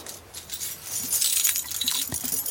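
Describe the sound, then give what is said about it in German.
A bunch of keys, the keys to every apartment in a building, jangling: a steady metallic clinking and rattling that continues for a couple of seconds, bright and busy with no voices. “Sehen Sie, Frau Geißler, ich habe alle Schlüssel zu jeder Wohnung, auch zu Ihrer.”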